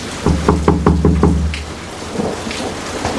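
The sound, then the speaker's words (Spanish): Heavy rain hisses steadily while a deep, rolling rumble of thunder pulses loudly for over a second, then fades, leaving only the dense downpour. No one speaks. “Uy, qué tormenta, Viper.”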